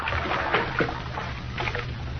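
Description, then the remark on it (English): Water pours steadily into a bath, a continuous rushing, gurgling flow with a few brief splashy surges, moderately loud, with no voices. “Fresh water.”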